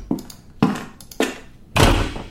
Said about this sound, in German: Mach bitte die Tür hinter dir zu. Danke.